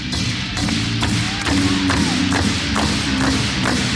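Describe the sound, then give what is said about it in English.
A steady run of about eight hand claps, evenly spaced at roughly two per second, each a sharp crisp smack over a continuous low humming background. “All you gotta do is clap them together in this manner.”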